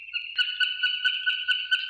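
A barn swallow calls in a clear recording made by Ensar Ertekin in Bursa: a sustained high twittering tone broken by quick, regular ticking pulses, with no voices or other noise.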